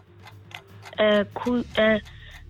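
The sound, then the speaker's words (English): A quiz countdown clock ticks steadily with soft, rapid, evenly spaced ticks, broken midway by three loud, bright tonal blasts before the ticking continues. “start the clock.”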